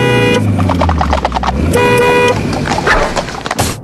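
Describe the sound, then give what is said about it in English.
A car horn honks twice, a short blast followed by a longer one, loud over the low rumble of an engine and scattered clattering road noise. “Don't sound your horn.”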